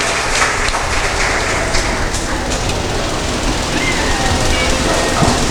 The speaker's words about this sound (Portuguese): Registro aí, mais uma vez as palmas, agradecendo a colaboração e a presença de todos os nossos padrinhos e madrinhas desta noite.